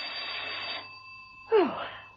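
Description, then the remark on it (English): A doorbell rings with a bright, metallic buzzing tone that holds for almost a second, stops, then sounds again in a sharper, louder burst that quickly fades. “Peel was taking a quiet rest, her feet up and a harmless novel on her lap, when the doorbell rang.”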